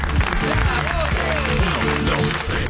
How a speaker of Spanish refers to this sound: El aplauso para el señor. ¡Vamos!